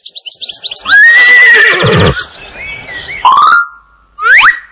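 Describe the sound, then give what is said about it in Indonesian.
A loud horse whinny with a quavering, falling pitch, preceded by a few quick chirpy notes and followed by two shorter neighs, with no talking. “D. Kuda. D. Kuda.”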